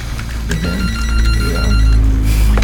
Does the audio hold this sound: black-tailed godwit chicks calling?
no